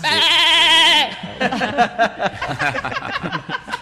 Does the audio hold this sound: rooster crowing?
no